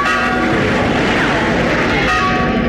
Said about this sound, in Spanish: Oíd, padre. La campana de San Lorenzo toca rebato.